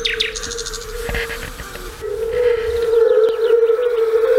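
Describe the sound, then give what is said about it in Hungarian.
European fire-bellied toads call in a steady, mellow low hooting drone that grows louder midway through, with faint high chirps of birds or insects scattered above it and no talking; played from speakers hidden in lifelike tree trunks at an exhibition of nature sounds that inspired Bartók. “Eddig hallottunk bogarak és rovarok énekét, madárdart, és legutóbb pedig a vöröshasú unka dalát, amiről ugyancsak Bartók Péter mondja el, hogy ez a szőlőspusztai Bartókék húgánál töltött nyaraknak az emléke lehet”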